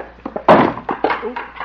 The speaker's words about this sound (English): Didn't mean to knock over the chair. I'll get it.